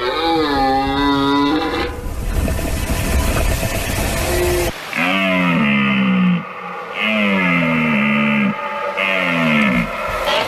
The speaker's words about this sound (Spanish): Fíjate este suena la vida. Qué maravilloso es. La berrea en todo su esplendor.